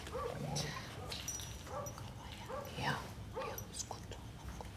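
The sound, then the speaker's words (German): A Romanian street dog at a veterinary examination gives several short yips and whimpering whines in uneven bursts, over a low background murmur. “Also es ist ein rumänischer Straßenhund.”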